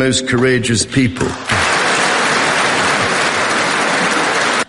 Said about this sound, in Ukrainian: Зал аплодував стоячи, республіканці і особливо демократи, піднявся і спікер Джонсон, а от віце-президент Венс лишився в цей момент сидіти, тільки нервово ворушив пальцями.